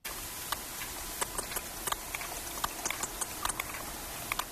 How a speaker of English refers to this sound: It's got a bit of a beat to it, hasn't it? Well, that click is the sound of a sperm whale recorded off the coast of Ibiza.